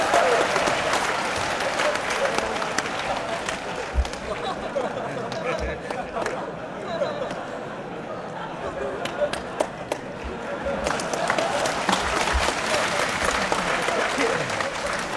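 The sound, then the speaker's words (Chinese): A crowd applauds steadily for about fifteen seconds, a dense wash of clapping that dips slightly midway and swells again, with a few sharper individual claps and faint murmurs underneath. “大家不要鼓掌，一鼓掌我容易骄傲。”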